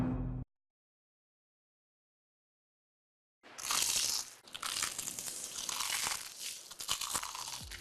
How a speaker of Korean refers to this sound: 크럼프를 입혀 크런치하고 크리스피하다. 크크크 치킨. 바삭함의 끝판왕.